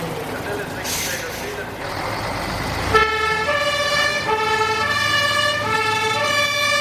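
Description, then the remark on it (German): A fire engine sets off for a tanker accident with burning petrol on the A1 Autobahn. Its two-tone siren blares out after a few seconds of rumbling engine noise, its high and low notes alternating steadily and loudly until the end. “Die Feuerwehr ist bereit zur Abfahrt.”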